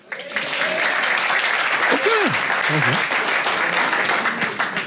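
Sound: audience applause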